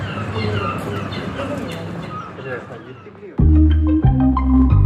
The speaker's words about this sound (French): On entend les premiers murmures du village, la mer au loin, et comme toujours les fameux goélands. Ils sont bruyants, ils sont gourmands, mais ils font partie du décor et c'est une espèce protégée.